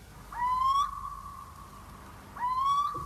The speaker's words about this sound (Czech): Všude bylo ticho. Jen hlas síčka se ozýval nedaleko z roští.